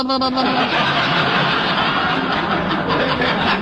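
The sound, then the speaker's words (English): A voice imitates an old car engine sputtering, a loud, raspy, continuous rattle that starts with a buzzy tone and churns steadily for several seconds. “Now, who would want to steal my car? Somebody that goes...”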